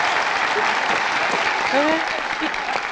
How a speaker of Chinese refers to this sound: 他们从屏幕上走下来了，让我们以热烈的掌声欢迎他们。